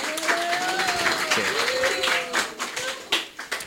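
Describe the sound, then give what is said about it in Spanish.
An audience breaks into steady applause for a speaker, many hands clapping in a dense, crackling patter that holds for several seconds, with a few voices calling out over it before it starts to thin. “Un aplauso a la compa, ¿no?”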